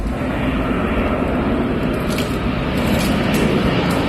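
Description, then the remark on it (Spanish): A steady, heavy engine roar from firefighting aircraft at work on Infoca wildfire extinction operations, holding an even loudness throughout, with a few brief crackling hisses flickering over the continuous low rumble. “Explican desde el Infoca en sus redes sociales, donde también han colgado sonidos de las labores de extinción.”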